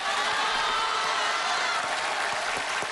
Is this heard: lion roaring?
no